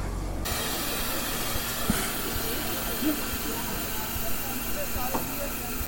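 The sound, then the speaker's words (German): A class 58 steam locomotive, number 58311, lets out a loud, continuous hiss of steam as it starts moving, a steady rushing roar that sets in abruptly and holds for several seconds with faint low rumbling beneath. “Und das Ungetüm setzt sich in Bewegung.”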